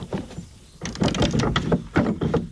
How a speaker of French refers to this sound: Et on vient actionner ce mécanisme pour déverrouiller ou verrouiller la porte de la maison.